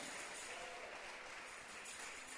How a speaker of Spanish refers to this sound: Fuerte ese aplauso al Rey. Aleluya.